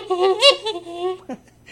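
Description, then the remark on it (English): A goose honk sound effect for DJ Goosey Goose, the waterfowl DJ of the radio show Have a Nice Weekend on CFMU 93.3 FM: a loud, nasal, wavering honk lasting about a second, with a few pitch bends, then a short lower squawk before it fades out. “alongside with my waterfowl DJ friend, DJ Goosey Goose.”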